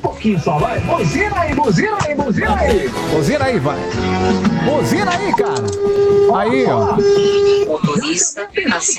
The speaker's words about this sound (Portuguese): Buzina aí, cara. Aí, ó. Aí. Ó, que coisa boa. É isso que eu tô falando. Buzina aí, filho. Buzina aí, vai.